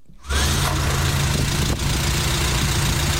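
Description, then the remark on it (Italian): A small Renault 4 car engine is started, cranking and catching abruptly, then settles into a steady, rumbling idle with a persistent low hum and a broad hiss over it, no voices. “Stiamo mettendo in moto la Renault 4 che posizioneremo qui all'esterno con all'interno durante tutta la fase della trasmissione.”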